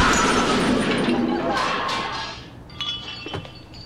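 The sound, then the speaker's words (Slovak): A loud, noisy crash of an Avia truck that does not brake slamming into a Porsche, the crunching roar fading over a couple of seconds into scattered clinks and rattles of falling debris. “Zvedlejší se blíží Avia, nebrzdí a...”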